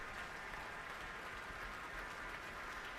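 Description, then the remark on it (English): Sustained applause from a concert audience and orchestra for conductor Stasevska after her bow, a dense, steady wash of many hands clapping at an even loudness throughout, with no voices standing out. “But the applause is continuing, and the applause both from the audience and from the orchestra.”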